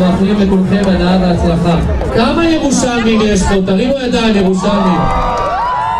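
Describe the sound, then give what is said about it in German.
A crowd of runners cheers and whoops together at the start of the 5000-metre run of the Jerusalem Marathon, in front of the Knesset in Jerusalem, a dense, loud wash of many overlapping voices with rising shouts, sustained throughout without a pause. “Und das ist der Jubelruf der Teilnehmer für den 5000-Meter-Lauf beim Jerusalem-Marathon.”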